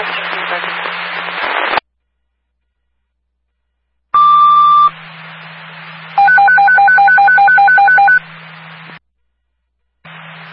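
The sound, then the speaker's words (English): Fire department radio paging test tones for Stonington Ambulance and Quambog Fire, test 1806: a burst of radio static, a pause, then a single steady beep followed by two seconds of rapidly alternating high-low warbling tones over a hissy channel. “Testing tones for Stonington Ambulance and Quambog Fire.”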